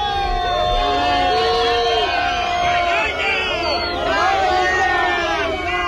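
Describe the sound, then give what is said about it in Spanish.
A large, loud crowd at a protest camp in Barcelona, Spain, shouts and chants "vergüenza" in unison, dense overlapping voices rising and falling in pitch without pause, filling the whole stretch. “Paridos, vergüenza, es lo que se gritaba en la acampada de Barcelona cuando les comunicaron que Junts iba a votar en contra de los decretos.”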